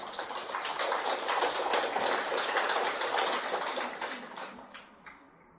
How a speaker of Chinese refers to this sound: 大家鼓掌可以前后鼓一下就可以啊，这样大家才不会太累。哦，这个鼓掌啊也是看时机啊，或者是前后啊，开始前或者讲完之后，或者都没鼓也没关系的啊。